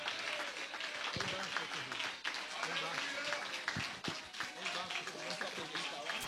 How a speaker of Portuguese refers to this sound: Pode exaltar o Senhor com palmas, é para Jesus.